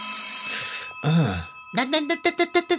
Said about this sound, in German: Nein. Denke nicht einmal daran, ans Telefon zu gehen. Anrufe anzunehmen ist das Gegenteil von Nichtstun.